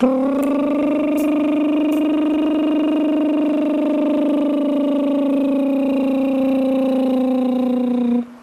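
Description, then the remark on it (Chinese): A small owl, a small predatory bird, gives a long, unbroken rattling trill, loud, holding a steady buzzy pitch for about eight seconds like an idling engine or tractor before cutting off. “很凶猛，它的爪特别尖，但它很小，但是也很可爱。但它叫的有点恐怖。就是繁殖季节，春夏季节叫的多。”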